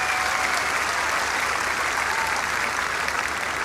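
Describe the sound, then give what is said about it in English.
A festival crowd claps and cheers for a band's guitar and keyboard player as he is introduced, in a steady, dense wash of applause that holds at an even loudness for the full few seconds, with no pauses and no voices standing out. “Put your hands together for Mr.”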